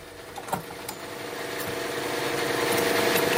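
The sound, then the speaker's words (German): A car being refuelled at a petrol pump: a steady mechanical whir and rushing flow of fuel that slowly grows louder, with a few sharp clicks near the start. “Tanken ist übel. So schnell wie die Preisanzeige hochschießt, da wird einem echt schlecht.”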